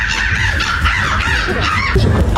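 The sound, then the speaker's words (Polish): A person mimics a crow with their mouth at the third Polish Championship in bird imitation in Warsaw, producing loud, harsh, raspy caws that run together almost without pause. “ludzie potrafią tylko za pomocą własnych ust brzmieć jak prawdziwe ptaki”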